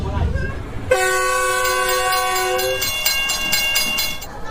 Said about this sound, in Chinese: 同样服务于沿线村民与农产品销售的，还有穿行在山区的7272次公益慢火车，19年来平均时速仅40公里。与城市里的惠农公交专线不同，它连接着湘、黔、渝两省一市。